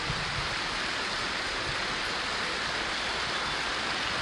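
A crowd applauds steadily as an applause of gratitude to God, the many claps blending into a dense, even wash of sound that holds at a constant loudness throughout, with no voices over it.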